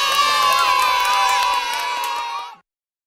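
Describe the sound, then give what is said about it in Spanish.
A loud burst of children cheering and clapping, a dense crowd of high shouts and applause sustained for a couple of seconds before cutting off abruptly. “Y ahora el aplauso más grande de todos, para ti.”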